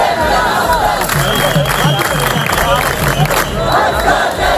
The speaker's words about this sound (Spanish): En España, miles de mallorquines toman las calles de Palma en una protesta masiva contra la masificación de turistas.